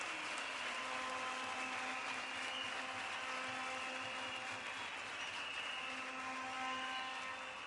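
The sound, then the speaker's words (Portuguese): A big round of applause from a crowd for a group of comrades: dense, continuous clapping that holds steady for about eight seconds, with a faint electrical hum running underneath and no talking. “Mais uma vez, uma grande salva de palmas a estes camaradas.”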